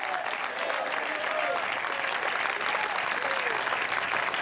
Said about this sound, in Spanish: Denle un fuerte aplauso al Señor si está alegre.